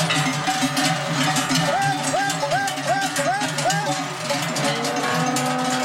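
Many cowbells clang and jangle together in an irregular, overlapping rhythm as a herd of cows is driven down from an alpine pasture in Domleschg to the valley, steady throughout, with a soft background murmur.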